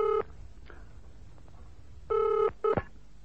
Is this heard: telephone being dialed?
yes